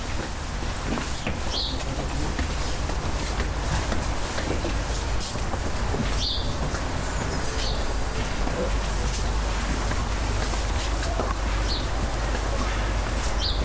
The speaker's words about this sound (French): Ah, on a des oiseaux, là.